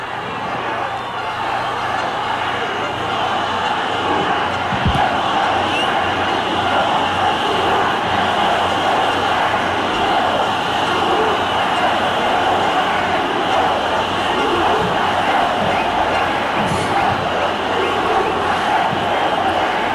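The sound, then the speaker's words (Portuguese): A large rally crowd at a Flávio Bolsonaro event chants protest slogans such as "Fora Moraes" and "Lula ladrão, seu lugar é na prisão", many voices merging into a dense, steady roar that stays loud and unbroken for the whole stretch, with no single speaker standing out. “O grito de fora Moraes. É, e Lula ladrão, seu lugar é na prisão.”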